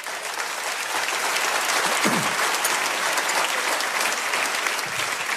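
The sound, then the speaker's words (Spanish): A church audience applauds for the Lord during a sermon, a dense wash of many hands clapping at an even, fairly loud level for several seconds, with a brief faint voice rising underneath near the middle. “Cuéntale un aplauso al Señor.”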